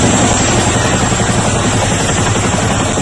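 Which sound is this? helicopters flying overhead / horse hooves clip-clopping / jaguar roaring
helicopters flying overhead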